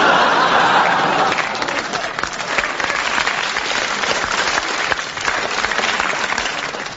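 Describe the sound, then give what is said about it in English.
A crowd applauds steadily for several seconds, a dense, even wash of clapping with a few faint laughs and murmurs mixed in, tapering slightly at the end. “Any man I know can get a round of applause on 2 dud ones.”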